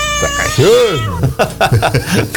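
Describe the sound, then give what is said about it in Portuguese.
A cat lets out one loud, drawn-out yowl that rises and falls in pitch as a dog grabs it by the back, followed by a few short bursts of talking. “Cachorro garrou no espinhaço do gato.”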